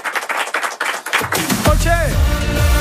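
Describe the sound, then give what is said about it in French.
A short burst of audience clapping for a singer at a live concert at the Zénith, quick and dense, lasts about a second before a voice and music with heavy bass take over. “On peut l'applaudir bien fort, s'il vous plaît.”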